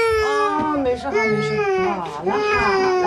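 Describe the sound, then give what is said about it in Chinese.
A young child wails loudly and continuously after waking up, a high, strained cry rising and falling in pitch, broken by two brief gasping breaths before the sobbing resumes. “睡醒了再嚎，你也不知道哄一下，快起来了。”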